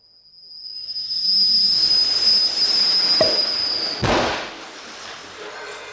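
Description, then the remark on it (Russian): A tight cork is worked out of a wax-sealed bottle: a steady high squeal and rough scraping for about four seconds, a small click, then one sharp loud pop followed by a fading hiss. “Ну-ка, помоги вытащить пробку. Давай. Ох, и тугая.”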